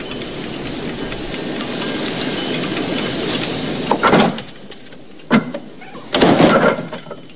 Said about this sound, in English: Michael shuts the door again.